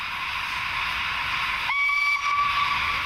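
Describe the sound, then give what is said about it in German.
A historic steam train whistle blows a steady, piercing tone over a continuous hiss of escaping steam, holding for over a second before the pitch dips briefly and resumes, at a railway station in Sweden during a September weekend event with around 40 historic trains celebrating 150 years of Swedish railways. No voices. “Hier ist im wahrsten Sinne des Wortes Volldampf angesagt.”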